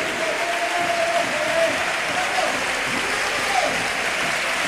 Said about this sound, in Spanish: Se va Doctor. Aplausos para el futbolista del Málaga.